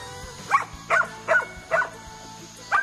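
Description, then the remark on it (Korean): Dogs barking, heard from afar at a secluded mountain home where thirteen sibling dogs live: five sharp, mid-pitched barks at a fairly steady rhythm, the last after a short pause, with no voices over them. “오, 개 짖는 소리가 여기까지 들리네.”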